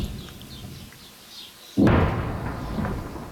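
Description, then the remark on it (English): A deep, booming blast erupts suddenly after a low ambient rumble, its roar lingering and rolling away like a distant explosion echoing across open terrain in southern Lebanon as Israeli troops push deeper to target Hezbollah strongholds, with faint softer thuds after. “Those distant explosions echo across the south as Israeli troops push deeper into the country to target Hezbollah strongholds.”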